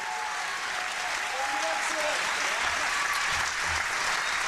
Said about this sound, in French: Sous les applaudissements de la Malmö Arena.